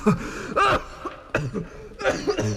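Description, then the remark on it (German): A fairly loud coughing fit: five or so harsh, raspy bursts in an uneven rhythm, with strained, gasping breaths between them and no talking. “Ich will doch nicht vom Husten sterben.”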